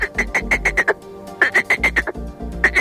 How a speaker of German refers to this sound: Stellen wir uns einen schönen Sommerabend an einem Teich vor. Da sind die Froschmännchen ganz schön laut am Quaken. Es kann sich sehr unterschiedlich anhören, zum Beispiel so.